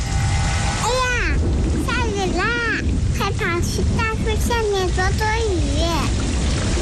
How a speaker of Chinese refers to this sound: 下雨了，收起风筝吧，雨天放风筝容易被雷电击到。